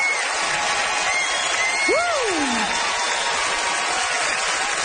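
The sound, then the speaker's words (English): A hometown crowd in Charlottetown, PEI, Canada, cheers and applauds a local comic at a comedy debate show in a steady, dense roar, with one voice letting out a rising-and-falling whoop partway through. “Listen to that crowd for the hometown, boy!”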